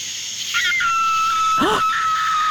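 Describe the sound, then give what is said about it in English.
At night in the pitch-black countryside, a shrill, wavering animal scream, likely a coyote or fox, holds a high sustained wail, then swoops down in a brief arching yelp, over a steady whirring drone of insects. “That's a coyote fox.”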